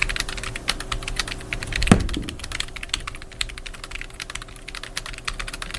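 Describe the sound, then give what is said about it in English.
Rapid, uneven clacking of fingers typing on a standard computer keyboard, steady throughout, with one heavier thump early on and no voices. “I wish I had more options on this stupid keyboard.”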